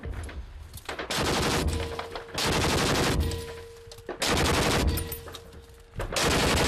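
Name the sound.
gunfire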